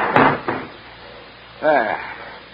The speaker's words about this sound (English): And shut the door.